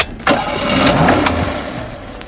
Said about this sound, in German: Feine Musik, oder? Was für Musik? Das zufriedene Tönchen vom Motor. Aha, das. Ich höre kaum etwas. Eben. Das ist Musik für meine Ohren.